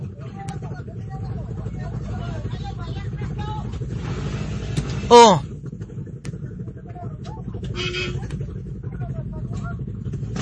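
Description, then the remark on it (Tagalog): A motorcycle engine hums steadily the whole way through as the motorcycle is moved to the side of the road, with road noise, a brief sharp squeal partway, and people talking briefly over it. “Okay, padaplin ang motor.”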